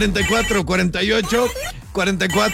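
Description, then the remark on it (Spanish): A telephone rings steadily and fairly loudly for a couple of seconds in the booth of radio station Factor 96.1 Energía Total, its tone overlapping with people talking. “Teléfono en cabina”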